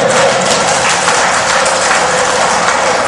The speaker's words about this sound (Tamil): பாதிக்கப்பட்ட ஆம்பளைங்க கை தட்டுறாங்க பாத்தீங்களா